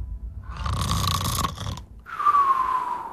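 A person imitates snoring: a loud, raspy, rattling inhale followed by a whistling exhale that slides slightly downward, with no talking.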